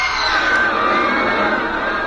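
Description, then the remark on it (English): A huge crowd of thousands roars in terror during a trapeze act, a dense, continuous wall of voices, loud and sustained, with shrill screams rising through the mass of sound. “I heard the terrified roar of thousands of throats, and I knew it was death.”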